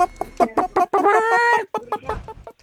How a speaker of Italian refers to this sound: Galline? Bravo. Sì.